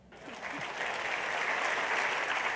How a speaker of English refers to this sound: This doesn't sound confusing to me, and I'm glad that you all clap for that because it seems pretty reasonable, doesn't it?